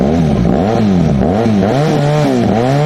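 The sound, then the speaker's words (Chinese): A large-displacement 1250 motorcycle engine, one of four suspected illegally modified motorcycles found by police at an auto repair shop, revs loudly, its throaty pitch surging up and dropping back several times in quick succession, with no one speaking. “目前这四辆机动车基本上都属于这种大排量的1250型摩托车。”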